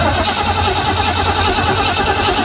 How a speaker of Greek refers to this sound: νομίζω είναι όταν ανάβει το αμάξι, δηλαδή παίρνει μπρος. Ναι. Όταν η μηχανή. Να ακούσουμε μια μηχανή πώς παίρνει μπρος. Να το ακούσουμε. Ενός αμαξιού. Ναι, ναι. Έτσι κάνει η μηχανή.